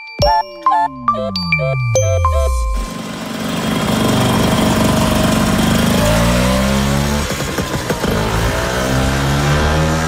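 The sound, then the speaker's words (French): After a brief tinkling chime with a falling tone, a Vespa scooter engine buzzes steadily and loudly, then revs up and down a couple of times before settling back to a rough idle. “Bon, les vrais de vrais vont peut-être reconnaître ce bruit qui, semble-t-il, en tout cas selon le fondateur, ressemblait à une guêpe, d'où le nom, hein?”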